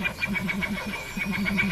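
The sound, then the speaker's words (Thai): A rapid, rhythmic fluttering of about a dozen evenly spaced whirring beats, a Vogelkop bowerbird mimicking the sound of pigeon wings flapping, moderately loud with no talking, on the western side of an island. “นั่นคือเสียงกระพือปีกของนกพิราบ”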